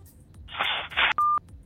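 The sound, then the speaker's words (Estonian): A burst of crackly line noise is followed by a short, loud, steady electronic tone as a caller on a phone-in line hangs up. No one speaks. “Nii, seal pole visati toru ära, pole hullu midagi.”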